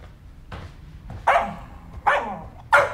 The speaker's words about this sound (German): und was ist dann mit dem Krawallköter?